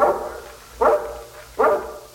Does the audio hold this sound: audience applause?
no